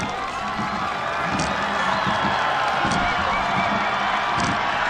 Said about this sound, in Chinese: 接近终点看台了，能听到现场主场的观众震耳欲聋的欢呼声。